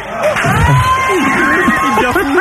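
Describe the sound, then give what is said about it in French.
A live studio audience on a live radio show claps and cheers loudly and steadily, a dense wash of crowd noise with individual voices calling out above it throughout. “Je voudrais que vous l'applaudissiez très fort.”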